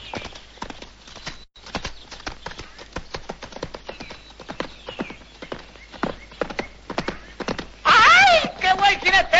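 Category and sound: animal, horse hooves clip-clopping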